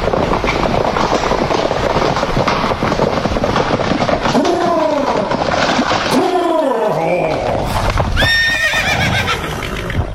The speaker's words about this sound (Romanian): Să fi poftit întrepidul confrate să mă facă să aflu cel din tâi atunci când de la București până la Ploiești se călătorea în bijă de Herasca, la care erau înhămate 2 perechi de cai.